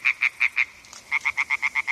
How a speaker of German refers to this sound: Quakende Frösche und rufende Fledermäuse. Wir sind an einem Weiher in Oberbayern. Eine Aufnahme des Klangkünstlers Joshua Bonetta.